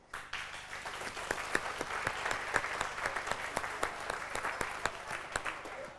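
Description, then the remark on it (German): Sustained audience applause at the celebration of 600 years of Reitzenhain, many hands clapping together, a dense, steady patter of sharp claps at moderate loudness with no voices over it. “Applaus 600 Jahre Reitzenhain.”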